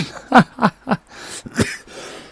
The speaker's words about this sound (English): Sorry about coughing in your ear.